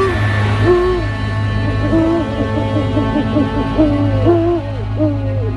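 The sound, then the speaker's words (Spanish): An owl hoots repeatedly in a steady series of short, rising calls, clear, over a constant low hum in the background. “Pero hay más. Búhos, lechuzas.”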